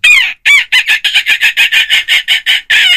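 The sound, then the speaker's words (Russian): A person imitates seagull cries as a voice exercise, with a rapid run of about a dozen shrill, pinched, nasal squawks, loud, with no other sounds around it. “Звук давайте... чайки, да, тоже О, классно.”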